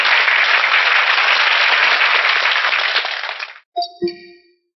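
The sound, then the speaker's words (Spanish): A crowd at a Gnostic movement gathering breaks into loud, steady applause for three magazines approved as movement publications, lasting about three and a half seconds before it cuts off, followed by a couple of short metallic clanks with ringing tones. “Un aplauso para estas tres revistas.”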